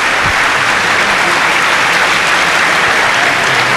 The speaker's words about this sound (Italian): Vedi quanto è più bello sentire gli applausi a prescindere, quando si parla di sport, applausi a prescindere.